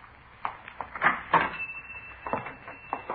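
A lock clicks and a shop door is unlocked and pulled open by a man entering the shop, followed by a few soft knocks and clunks spread over a few seconds, fairly quiet, with no one speaking.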